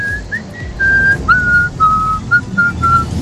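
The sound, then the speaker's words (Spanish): A person whistles a clear, wavering melody of several sustained notes and short slides, fairly loud, over a low background rumble with no talking. “¿Quién está el silbador?”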